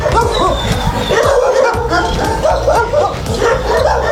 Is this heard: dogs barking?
yes